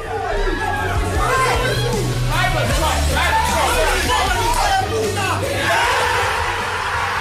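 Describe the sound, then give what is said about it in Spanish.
The whole Arsenal squad cheers and shouts together at the Arsenal training centre after the final whistle of Bournemouth v City made Arsenal Premier League champions after 22 years, with overlapping yells, whoops and excited chatter filling the whole stretch at a steady loud level. “esta que escuchamos fue la locura que se desató en el centro de entrenamiento del Arsenal, donde estaba reunida toda la plantilla ganera al completo tras el pitido final de ese Bournemouth City que hacía campeón al Arsenal.”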